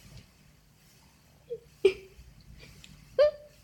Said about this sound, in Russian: Перепугалась давеча, вот и плачет за печкой.